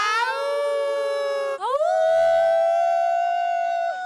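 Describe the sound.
A large concert crowd at Macondo Park in Spain howls together like a she-wolf, voices imitating one long, loud, sustained wail that briefly drops and then swoops back up in pitch before holding steady to the end.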